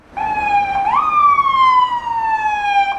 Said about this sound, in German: Ein Krankenwagen fährt über den Prager Karlsplatz vorbei an Joachim Topol.